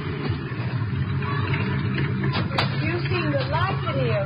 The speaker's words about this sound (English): There's a car coming. Could be them.